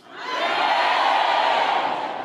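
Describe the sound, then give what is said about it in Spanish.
A crowd of worshippers at a morning church service erupts in loud, sustained shouting and cheering in answer to the preacher asking for true worshippers, a dense wash of many voices that swells in quickly and holds steady for about two seconds. “Si ustedes no gritan ahorita, sí que estamos amolados”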